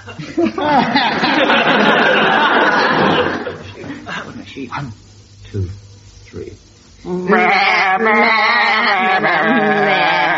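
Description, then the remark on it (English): Several voices sing a melody entirely in wavering, sheep-like bleats, imitating the animal loudly, with a brief quieter pause and scattered chuckles before the bleating song resumes. “I want you to give them an animal to sing it in. We choose sheep.”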